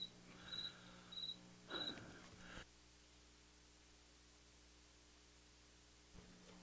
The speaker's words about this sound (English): Cricket.